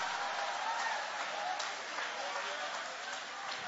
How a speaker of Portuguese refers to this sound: Oh, meus irmãos, você que tem esta marca, levanta a sua mão bem alta para o céu e aplaude o nome dele com alegria.